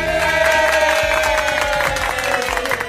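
A crowd applauds and cheers loudly, dense overlapping claps with whoops and shouts mixed in, sustained at a steady level for the full three seconds.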